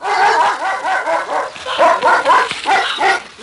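A dog barks excitedly, a rapid string of high, yipping barks that keeps going without pause, with no one talking.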